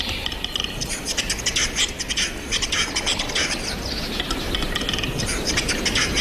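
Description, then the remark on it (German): A capercaillie's courtship display: a steady run of dry, scratchy rasping and grinding bursts, high and hissy, repeating in quick irregular pulses for several seconds with no voices. “Das hier ist der vom Kanzler durchgewunkene Balzruf des Auerhahn.”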